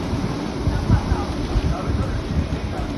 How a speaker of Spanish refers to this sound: Es el sonido de hace tan solo unos minutos en Alsira, donde ya llueve con fuerza.